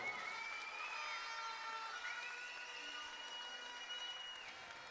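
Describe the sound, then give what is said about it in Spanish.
A crowd applauds steadily for several seconds for the current cueca champions of Chile. The clapping is a dense, continuous clatter with a thin high whistling tone drifting over it, and no one speaking. “Un fuerte aplauso.”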